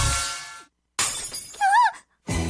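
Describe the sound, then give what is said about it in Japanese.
A dropped smartphone hits the ground and its glass shatters in a loud, crackling crash, followed after a short gap by a brief wavering tone and another noisy burst. “落として割れちゃった。”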